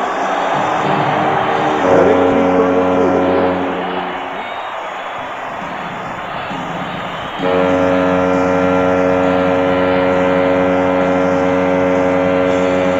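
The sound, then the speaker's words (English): A deep, droning foghorn blares in two long sustained blasts, with a brief lull between them, over the steady roar of San Jose Sharks fans cheering a goal by Victor Kozlov against Hartford. “You hear the conversation exploding from the Sharks fans, the foghorn going off, all of that, an extremely delayed reaction.”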